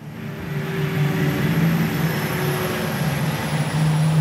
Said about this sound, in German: Man hört nur ein leises Surren und das Geräusch der Reifen auf dem Asphalt, als der große rote E-Lkw auf den Hof der Spedition Ansorge bei Biesenhofen rollt.